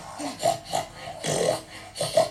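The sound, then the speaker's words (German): A voice imitates a herd of pigs with a rapid series of nasal grunts and snorts, about six bursts in uneven rhythm, some rising into higher squeaky tones, moderately loud. “Und die Schweineherde macht.”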